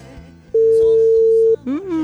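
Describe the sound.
A single steady telephone ringback tone sounds for about a second, loud and clear over faint background music, followed by a voice starting to speak.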